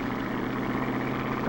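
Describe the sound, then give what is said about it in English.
A race car's engine roars loudly and steadily as the car fishtails at takeoff on a speed run, a dense rumbling drone with no pauses and no voices. “The car fishtailed at the takeoff.”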